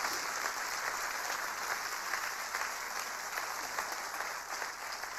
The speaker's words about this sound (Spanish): Vamos, aplauda más fuerte porque esto tiene sentido.